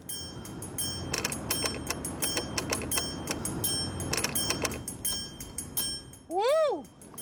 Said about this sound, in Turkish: Metre oynadı. Kesinlikle çalışıyor. 5 miliamp oldu. Telgrafı bastığımda makine bir sinyal gönderiyor. Alman malı bu yüzden o kadar paraya gidiyor işte. 100 yıldır ayakta ve hala çalışıyor.